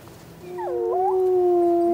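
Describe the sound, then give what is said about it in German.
Wolves howling after a brief quiet moment: one long, steady held note with a second voice sliding and wavering above it, swelling louder and carrying on. No one speaks. “Denn ursprünglich stammt der Hund vom Wolf ab. Wölfe sind Jäger und Rudeltiere.”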